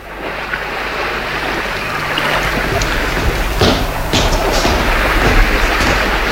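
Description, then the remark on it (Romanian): Steady outdoor wash of waves and water surging around a vessel, heard from the ship's deck, with a low engine-like rumble underneath and a few sharper splashes or thuds; no one speaks. “Iată-ne pe punte. Vedeți luminile de pe țărm?”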